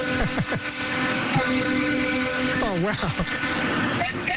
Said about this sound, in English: do you have the loudest honk of all the truck drivers that call in?